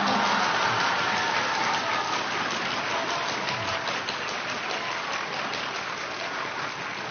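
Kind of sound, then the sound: crowd, audience clapping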